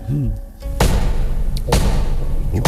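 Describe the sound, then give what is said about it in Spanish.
Three heavy, booming knocks pound on a door at uneven intervals, loud, with a brief stretch of muffled voice-like sound before the first blow; soldiers demanding the door be opened in the name of the law. “Abran la puerta en nombre de la ley.”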